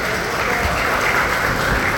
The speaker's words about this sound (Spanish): Bienvenido, fuerte el aplauso.